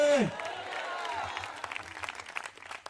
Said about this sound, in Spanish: Y si ese aplauso es para Cristo, hágalo con todo el corazón. ¡A su nombre!